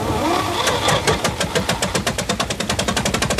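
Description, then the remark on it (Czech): A tractor engine chugs into life, its heavy knocking beats steady and gradually quickening, loud with no voices over it. “No a ten hrdina, chlap jako hora, ještě jednou varovně vystřelil, pak vyskočil na traktor a držel mi revolver u hlavy.”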